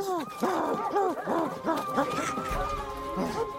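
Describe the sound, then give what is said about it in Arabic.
Several dogs bark and yelp in a quick, overlapping flurry as they chase another dog, fairly loud, before the noise gives way to a drawn-out, high whimpering whine. “لماذا تطاردونني؟ أنا كلب مثلكم.”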